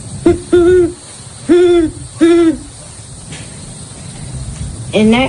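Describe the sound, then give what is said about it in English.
A person imitates a great horned owl, voicing a series of deep, rounded hoots in an uneven rhythm: a short one, two longer ones, a pause, then a final hoot, fairly loud. “And I'm going to be doing bird calls for all the common American birds. Starting off with the great horned owl.”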